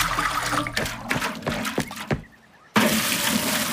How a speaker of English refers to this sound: What are you doing, mate? Oh, filling up my water tank.